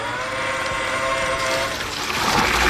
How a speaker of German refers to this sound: Das ist was ganz was Feines, das ist nämlich Gießbert. Gießbert bei der Arbeit und Gießbert ist ein Gießroboter. Also sieht aus wie so ein großer Bollerwagen, nur da ist eben kein Bier drin, sondern Wasser.